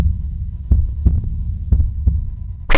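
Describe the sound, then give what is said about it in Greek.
A heartbeat sound effect in a station ident for radio ΑΦΜ 104.7 in Rethymno: two pairs of deep, muffled lub-dub thumps over a steady low hum, ending in an abrupt burst of hissing noise. “Εδώ χτυπάει η καρδιά του Ρεθύμνου.”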